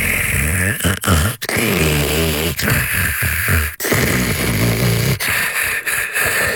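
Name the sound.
snoring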